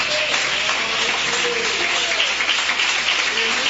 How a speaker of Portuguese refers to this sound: Pode assentar, irmãos, e bater as palmas para Jesus bem forte.